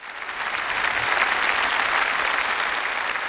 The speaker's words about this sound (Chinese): 我们再一次把饱含敬意的掌声送给薛涛，送给所有的经侦人。